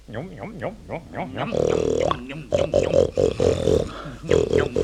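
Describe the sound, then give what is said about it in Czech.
A man, a patient who imagines he is a stag, imitates a stag's bellow: a run of short wavering calls, then a loud sustained roar, followed by choppy, throaty, forceful bellowing bursts. “Pacient má představu, že je jelen.”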